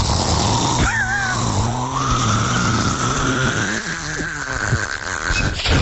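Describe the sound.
Someone imitates a man snoring in his sleep with a loud, continuous raspy rumble that drones for several seconds, its pitch gliding upward partway through, with no talking.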